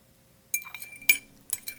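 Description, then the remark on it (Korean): A spoon clinks against a cup in three bright, ringing taps spaced apart, with a soft scrape between them, as a large spoonful of ginger syrup is put into the cup, with no talking. “서둘러 물을 끓이고 생강청을 크게 한 숟가락 떠 잔에 담았다.”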